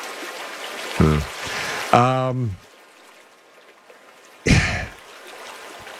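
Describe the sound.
A steady hiss of flowing water, like a babbling brook, runs through the whole stretch, with a few short bursts of voice breaking in over it.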